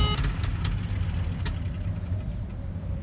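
Failing aircraft engines, both malfunctioning and losing power, drone in a low, rough rumble that holds steady throughout, broken by a few sharp clicks and clatters near the start. No one speaks.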